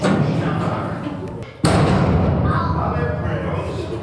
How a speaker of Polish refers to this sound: Łódki się tu obijają bok o bok.